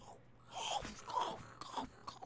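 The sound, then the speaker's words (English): Wet munching and crunching as someone chews, with irregular bursts of crisp bites over a couple of seconds and no talking. “And munching and crunching so and chewing.”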